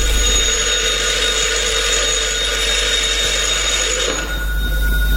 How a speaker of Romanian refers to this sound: Telefonul, proaspăt instalat, nu mai contenește să sune.